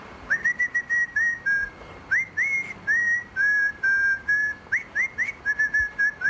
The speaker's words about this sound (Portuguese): Há uma nova tendência viral no WhatsApp que consiste em mandar áudios só com assobios.